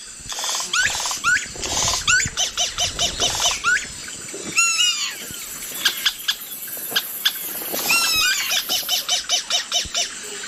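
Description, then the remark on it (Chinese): A yellow-rumped cacique sings a varied, mimicking medley of squeaky chatters, rising whistled sweeps and rapid clicking notes, clear, in quick bursts that run continuously without any talking. This species has a wide vocal range and can mimic other animals, such as monkeys and harpy eagles, and even man-made sounds. “在同一地区还有黄腰酋长鹂，它们的音域很广，它可以模仿其他动物，比如猴子、角雕甚至是人造的声音。”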